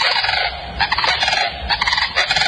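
A sandhill crane (Antigone canadensis) gives its loud, rattling bugle call in rapid, repeated bursts, strong, with no voices present. The call is produced by an extended trachea in its long neck that curls into the sternum.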